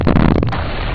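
A loud, deep rock-blasting explosion outside a village, where mountains are being blasted to open a channel for a big river, booms and then rolls on as a heavy, rumbling roar with no pause, filling the whole moment; no voices.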